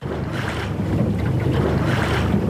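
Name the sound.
catamaran gliding over water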